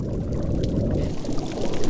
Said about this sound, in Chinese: 鹰嘴鱼啃咬坚硬珊瑚的声音时常回荡在珊瑚礁间。